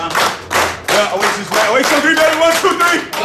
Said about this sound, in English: Give yourself a round of applause right there.